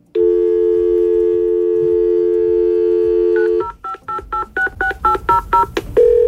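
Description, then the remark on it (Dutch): A fax machine's steady dial tone hums for a few seconds, then a quick run of about ten beeping touch-tone dialing pulses follows in a regular rhythm before a tone resumes; loud, no voices. “Nou, heel veel mensen van mijn generatie kennen dit geluid. Dit is een fax.”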